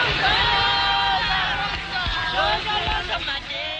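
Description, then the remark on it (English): At the back entrance to the Pretoria court, a large crowd gathered to watch the accused being driven away to start life sentences shouts and calls out together, a loud, continuous wall of overlapping raised voices with rising and falling cries, plus a few low thuds underneath. “At the back entrance to the Pretoria court, large crowds gather to watch the accused being driven away to start their life sentences.”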